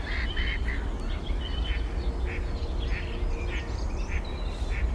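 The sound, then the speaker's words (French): A blackbird calls with a series of short, repeated sharp notes at irregular intervals over a constant outdoor background rumble. “Il y a un merle.”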